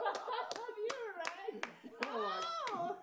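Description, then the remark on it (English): Several sharp hand claps in a round of applause, roughly evenly spaced, ring out over a steady layer of voices talking and murmuring throughout. “We were all clapping the other and that was just you and I.”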